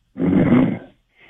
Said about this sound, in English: He's sleeping. You can hear him snoring in the background